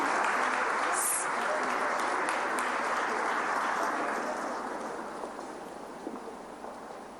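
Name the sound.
loud applause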